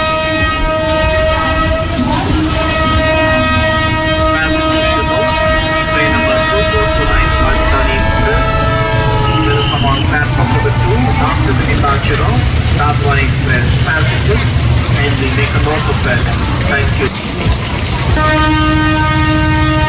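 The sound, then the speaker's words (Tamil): A train standing at a station and about to depart idles loudly, its horn blaring long at the start and again near the end over a steady rumble, with faint voices in the background. “Train move ஆக போகுது, சீக்கிரம் வா.”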